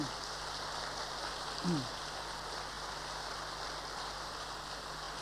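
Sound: audience applause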